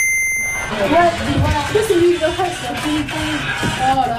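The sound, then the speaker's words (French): A short, high-pitched electronic beep from a game being played on a mobile phone sounds at the start, then stops as people begin talking. “t'es vraiment obligé d'être sur ton téléphone.”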